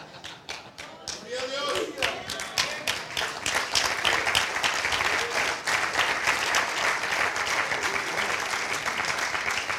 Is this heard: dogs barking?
no